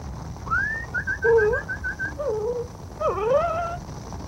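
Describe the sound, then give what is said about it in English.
A dog whimpers in a run of high, thin whines that slide up and down, some broken into quick repeated yips, over a low background rumble with no talking. “Here, doggy.”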